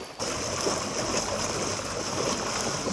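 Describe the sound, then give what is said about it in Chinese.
Floodwater from the Guanshan River rushes over a road toward Guanshan Town, Danjiangkou, China, up to 70 cm deep at its deepest, in a steady, loud, continuous roar that starts abruptly after a brief quiet moment and holds without pause, with no voices. “道路一侧的关山河河水已经漫过路面，最深处积水足有70厘米”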